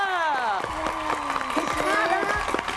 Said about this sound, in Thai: นี่เขาเสียงปรบมือ